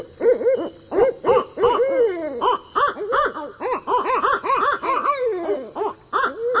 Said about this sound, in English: And if you're a night owl, well, look and listen for real owls. They're wide awake at midnight.